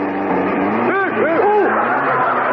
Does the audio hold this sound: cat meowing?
no